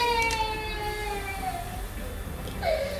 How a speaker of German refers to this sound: dein Kind schreit.